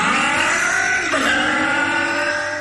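A motorcycle engine revs loudly, its droning whine holding steady, dipping briefly in pitch, then climbing again. It runs continuously with no voices over it.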